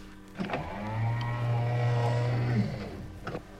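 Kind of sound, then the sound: machine, sliding sound doors closing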